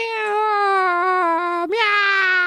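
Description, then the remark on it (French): A long, loud wailing cry held on one steady pitch, breaking off for an instant near the end before resuming brighter and slightly higher. “Et là, tout d'un coup, Robert, Suzette et Esmeralda et Loulou, ils se retournent et disent, mais ils entendent un cri.”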